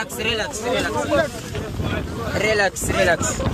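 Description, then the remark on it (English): A gendarme police boat motoring across rough, wavy open water, with strong wind buffeting the microphone and a steady roar of spray and engine, while several people talk loudly over the noise. “The gendarme boat appeared.”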